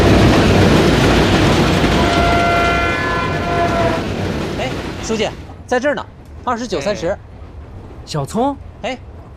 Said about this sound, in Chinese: 对呀，我们坐火车去北京，你们去哪儿？ 我们也去北京啊。